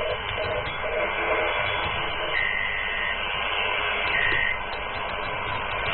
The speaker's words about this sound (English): That's Morse code. A sort of Morse code, yes.